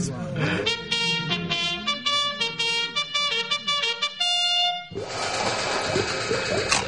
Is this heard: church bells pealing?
no